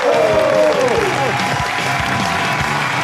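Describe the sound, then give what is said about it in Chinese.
A large audience breaks into loud, sustained applause, the dense clapping steady throughout, with a brief tonal swell at the very start, welcoming guest Miao Bo, a film and TV actor and well-known host, onto a crosstalk comedy stage. “那我们接下来请上我们今天嘉宾，影视演员也是著名的主持人苗博老师，掌声有请。”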